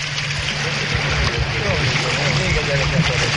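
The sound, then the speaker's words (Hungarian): A boat accelerating through windy water, with a steady engine hum beneath a loud, continuous rush of spray and wind that holds strong throughout. “Jó, jó gyorsul a hajó.”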